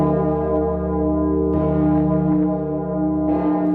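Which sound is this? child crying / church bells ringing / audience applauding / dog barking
church bells ringing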